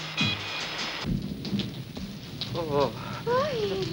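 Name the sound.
heavy rain with thunder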